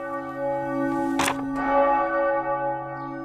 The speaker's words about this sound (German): Sonntagvormittag in Schellenberg, einer 1000-Einwohner-Gemeinde im Norden des Fürstentums Liechtenstein. Die Glocke lässt den ganzen Ort wissen, in der Pfarrkirche Unbeflecktes Herz Maria wird gerade Eucharistie gefeiert.